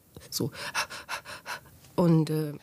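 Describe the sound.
Rapid, labored panting in a steady run of short breaths from a person unable to breathe, followed by a strained, voiced gasp for air at the end, fairly loud.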